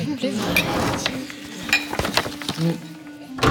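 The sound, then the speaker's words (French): Irregular metallic clicks, clinks and rattles of a safe's lock mechanism being worked as papyri are stowed away in it, with a few sharper clacks over a few seconds. “tu gardes ces papyrus dans un coffre-fort comme des trésors ?”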